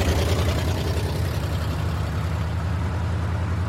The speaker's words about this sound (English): Hurry up, Fanny, here comes the truck. You don't want to walk all the way to the cotton field, do you?